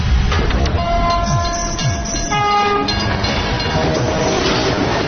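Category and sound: vehicle, train passing with horn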